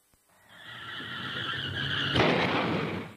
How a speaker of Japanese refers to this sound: 車をぶつけちゃった、どうしよう。